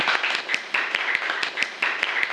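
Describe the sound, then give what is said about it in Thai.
A class bursts into applause for the first group, many hands clapping in a dense, steady patter with sharp individual claps standing out throughout, fairly loud and with no talking over it. “ปรบมือให้กลุ่มที่หนึ่งหน่อย”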